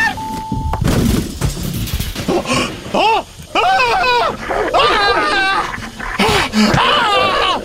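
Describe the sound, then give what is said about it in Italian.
Several dogs being untied whine in rising and falling pitched cries mixed with low growls, fairly loud, with a brief beep at the start and some muffled clatter. “Sì, scusate, solo un attimo che sleghiamo i cani.”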